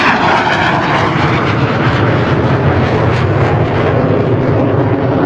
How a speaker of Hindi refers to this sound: फिर भी निरंतर अभ्यास के कारण वो इन छोटे विमानों को भी उड़ाने में सिद्धहस्त हो गए थे। वो कमाल के पायलट थे। जब वो अपना विमान उड़ाते तो उनकी कलाबाजियां देखते ही बनती।